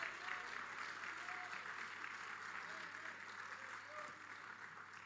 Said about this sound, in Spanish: Dele palmas de alabanza al Señor.